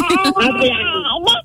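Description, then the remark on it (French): An 11-month-old baby babbles in a sustained, high-pitched run of voiced sounds with rising and falling pitch, fairly loud, ending in a brief upward squeal. “Aïe, il peut causer.”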